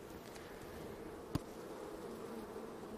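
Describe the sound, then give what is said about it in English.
A steady, dense hum of many honeybees buzzing around an open hive frame on which they are starting to build comb, a continuous droning swarm with one brief sharp tap partway through and no voices. “So they're just starting to build the comb out on this frame.”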